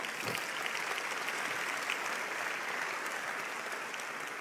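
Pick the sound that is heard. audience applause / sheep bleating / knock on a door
audience applause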